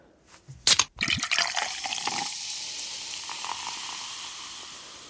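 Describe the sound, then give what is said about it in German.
A sharp crack like a can tab popping, then a steady fizzing pour of soda into a glass, with the bubbly hiss trailing off gradually; fairly loud, no voices. “Ich denke, es ist eine Limo aus der Dose.”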